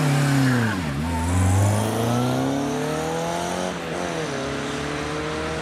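A loud race car engine roars, its pitch dropping and then climbing again twice as it revs and accelerates through gear changes, with no voices.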